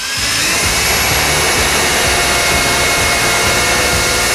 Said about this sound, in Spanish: ¿Por qué el vecino del tercero coge el taladro un domingo a las 8 de la mañana?